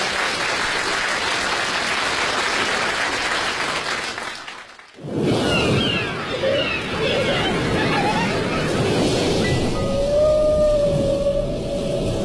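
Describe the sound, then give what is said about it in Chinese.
A whale's song call, said to come from a whale called Alice, known as the world's loneliest whale, whose call differs in frequency from all other whales, rises out of a dense, crackling underwater hiss: brief high whistles, then a long, steady moaning tone near the end, fairly faint beneath the noise. “这声音来自一只叫爱丽丝的鲸鱼，人们说它是世界上最孤独的鲸鱼。”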